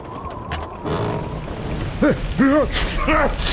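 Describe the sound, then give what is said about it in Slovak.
Heavy rain pours down in a steady, dense hiss throughout. Near the end, three short, rising-and-falling tonal cries sound over the downpour. “Toľko kriku pre pár kvapiek vody. Mari, nevidíš tú potopu, babka? Som mokrý ako myš.”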